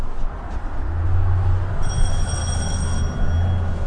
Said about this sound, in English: We greet people always right at the door in the entryway. We have that very loud bell in case this is not an expected visit from someone.